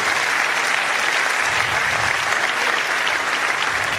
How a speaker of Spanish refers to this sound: Vamos a darle un aplauso a Dios si usted está vivo todavía.